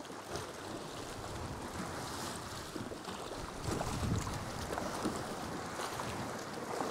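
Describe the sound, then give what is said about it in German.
Rough sea waves slosh and churn around a moving boat heading into the Cova de la Lum sea cave, a steady loud wash of water with gusty wind noise, swelling a little stronger partway through. No voices are heard. “Die Wellen sind nicht ohne und der Höhleneingang scheint mir relativ eng zu sein.”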